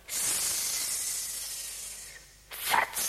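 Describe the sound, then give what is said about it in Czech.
A grass snake gives a long, steady, airy hiss that slowly fades, then after a brief dip a second, sharper hiss bursts out and breaks off. No voices are heard. “Zeptáme se užovky Bětky.”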